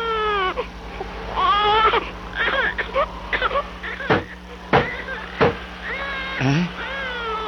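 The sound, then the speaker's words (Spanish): A week-old baby cries in a series of wavering, high-pitched wails that rise and fall, broken by short pauses, with a few sharp thumps partway through and a steady low hum underneath. “Nada, enseguida se calma.”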